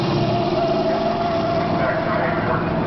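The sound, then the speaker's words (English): A car braking hard with anti-lock brakes engaged: a loud, continuous rumble of engine and road noise with a steady mechanical hum, holding at an even level throughout. “Okay, let's try it again, this time with the anti-lock brakes. ABS reacting.”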